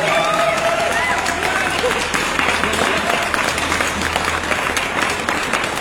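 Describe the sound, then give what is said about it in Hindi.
Loud, sustained applause from a group on a morning show, dense steady clapping filling the whole stretch with a faint murmur of voices underneath. “आपके लिए जोरदार तालियां।”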